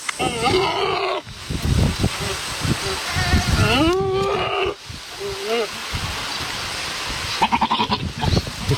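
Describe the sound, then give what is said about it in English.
A goat bleats several times, loud wavering cries rising and falling in pitch, separated by short pauses over a steady rushing outdoor background. “It It's a goat.”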